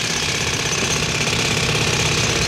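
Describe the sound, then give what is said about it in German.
A loud, continuous jackhammer pounds away during construction of the Karawanken Tunnel at the border between Austria and Slovenia in 1986, its rapid mechanical hammering and drilling noise filling the space with dense, unbroken racket and no voices. “Da hat man gehämmert und gebohrt.”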